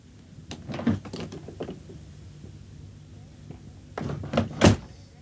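A door opens and closes as a person lets themselves into their room: a cluster of clicks and wooden knocks from the latch and handle, a pause, then a second burst ending in a firm thud as it shuts.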